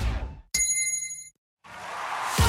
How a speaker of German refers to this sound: Und jetzt wieder Trinkpause. Der Gong. Hydration Break. Nimm dir jetzt wieder einen guten Schluck für deine Gesundheit.